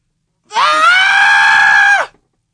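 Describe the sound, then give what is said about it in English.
A person imitates a distressed scream: a single loud, sustained, high-pitched wail lasting about a second and a half, close to the mic, then cutting off abruptly. “do like a distressed scream.”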